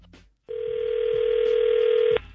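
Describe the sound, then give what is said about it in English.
A phone call is hung up: a short click, then a steady, loud electronic dial tone drones alone for under two seconds before stopping abruptly. “You have some kind of nerve hanging up on me.”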